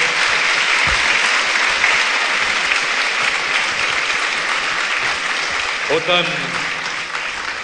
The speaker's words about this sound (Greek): Ένα χειροκρότημα νομίζω ήταν λίγο πριν.